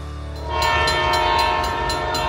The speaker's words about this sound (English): Ontario Northland reminds residents that the Northlander passenger train will soon be operating in our region. Freight schedules are also changing, and tracks that have been quiet will be active again.